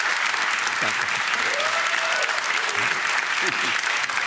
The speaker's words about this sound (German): Guck mal, der Applaus spricht für sich. Dankeschön.